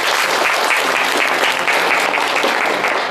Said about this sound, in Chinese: 其实啊，在我们今天的课堂上呢，还有两位工友师傅共同来参与交流学习，大家掌声欢迎一下吧。